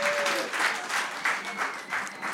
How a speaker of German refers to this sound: Großen Applaus und vielen Dank